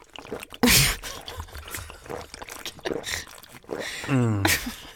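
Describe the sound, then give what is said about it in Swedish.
Orange juice pours into a glass in short splashy gurgles, the liquid noise rising and falling over a few seconds while a voice hums and murmurs briefly near the end. “Berätta den tonen medan jag skallar den här drycken. Apelsinjuicen.”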